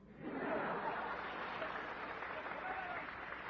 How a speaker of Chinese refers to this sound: 那大伙先别鼓掌